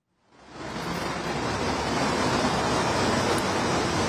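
Steady, dense rain hisses outdoors in Istanbul, Turkey, fading in over the first half second and then holding at a constant, fairly loud level with no voices.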